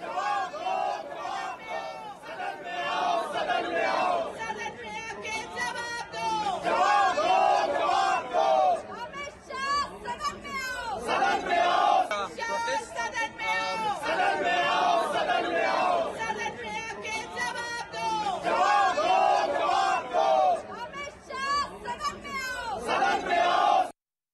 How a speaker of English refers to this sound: Opposition MPs led by Congress Member of Parliament Pawan Khera today staged a demonstration in Parliament complex carrying toy monkeys and raised slogans against Prime Minister Modi.